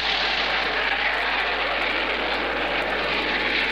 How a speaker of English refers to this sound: Let's see, we christened and formally opened the new Hopkins County Airport, and that was quite an occasion. And did you hear the jets when they came over? If not, well, we heard them and got them on tape.